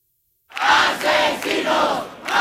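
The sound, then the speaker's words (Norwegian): A crowd of protesters in Madrid shouts loudly together after a brief silence, gathered after the death of Maria del Carmen Abascal, an 87-year-old evicted from her home; their massed voices rise and fall in several surging waves of chanting. “Demonstranter har samlet seg i Madrid etter nyheten om Maria del Carmen Abascals bortgang.”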